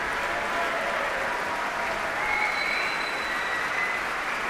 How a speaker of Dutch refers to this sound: En ook fagottist Gustavo Núñez verdient zeker een applaus hier.